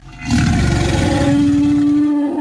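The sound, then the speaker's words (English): A loud, sustained dinosaur roar sound effect lasting a couple of seconds, deep and rumbling with a steady growling tone, rising quickly and holding before trailing off, heard alone with no talking. “Dinosaur lovers, if you're looking for some roaring family fun, plan to attend the Gregory Dallas Chambers Stomp, Chomp, and Roar this Saturday, August 8th, 9 a.m.”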